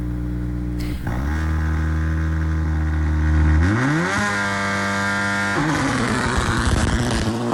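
Loud rally car engines rev and roar at the start, pitch climbing sharply in a sustained acceleration before settling into a rough, busy idle of several motors together, with no talking.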